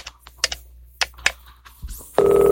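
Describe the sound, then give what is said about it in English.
Several sharp, scattered clicks, then a loud, steady telephone ringing tone abruptly begins on the line as an operator puts a call through, holding through the end, with no one speaking. “It's ringing now, sir.”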